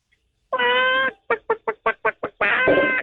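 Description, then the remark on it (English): A voice does a loud, high-pitched chicken impression: a drawn-out squawk, seven quick clucks in a row, then another long squawk to finish. “Okay, and now can I get the same chicken sound effect, but with a higher pitch?”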